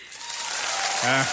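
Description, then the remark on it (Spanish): A burst of recorded applause played as a sound effect on a radio show at Exa Morelia, a dense, steady wash of clapping that builds slightly, with a brief voice or cheer rising over it near the end. “No, todo el mes de aplausos, dale.”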